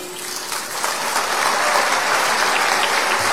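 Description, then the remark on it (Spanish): A crowd applauds steadily in welcome for the women's concert marimba of the Ministry of Culture, a dense wash of many hands clapping at a constant, fairly loud level for a few seconds, with no voices over it. “Con aplausos de bienvenida, recibamos ahora a la marimba femenina de concierto del Ministerio de Cultura.”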